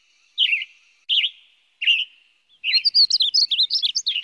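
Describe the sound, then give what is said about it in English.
A western tanager sings at the Eel River Preserve: three short separate chirped phrases followed by a faster, busier run of high warbling notes, clear with no voices. “A very lost western tanager was found in the Eel River Preserve.”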